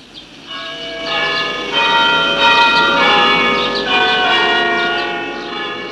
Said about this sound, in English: Derby is not a city, but it has a cathedral. Its clock plays a tune at 9 o'clock each morning.